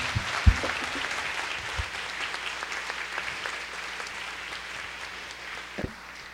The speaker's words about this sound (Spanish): Un fuerte aplauso para el Rey de Reyes.